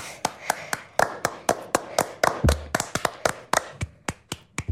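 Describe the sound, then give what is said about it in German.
Hands clap in a quick, fairly steady rhythm, sharp distinct claps, like one or two people applauding, with a couple of faster doubled claps midway before slowing toward the end. “Applaus für uns.”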